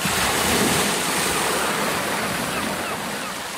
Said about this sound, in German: Ich finde, es ist eine wunderbare Art des Reisens. Du hast die Geräusche des Windes, du hast die Geräusche des Meeres, das Knacken des Bootes, oder?